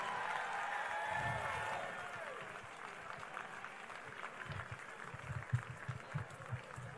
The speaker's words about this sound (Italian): Allora diamo il benvenuto qui insieme sul palco ai rappresentanti della piccola marcia, della marcia di Umbria e Sardegna e della Sicilia. Un grande applauso.